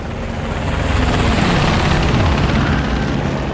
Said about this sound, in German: Hubschrauber, was will der da oben? Ich schätze, der ist wegen uns da.